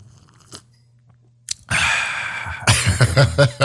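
A loud slurping sip of coffee, a noisy airy draw lasting about two seconds with wet sputtering pulses toward the end, preceded by a faint click and no talking.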